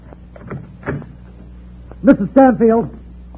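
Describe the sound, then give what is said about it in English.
An apartment door is unlocked and opened by the building superintendent: a few soft metallic clicks and rattles, then a brief pause before a louder, drawn-out creaking swing. “Open the door, will you?”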